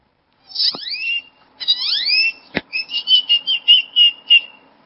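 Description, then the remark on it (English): A person imitates a great-tailed grackle: rising, squeaky whistled sweeps, a sharp click, then a quick run of about eight shrill, chattering notes, loud with no talking. “When I was 4 years old at the zoo, I started mimicking this great toad grackle that was bothering my sister. And what did the great toad grackle sound like?”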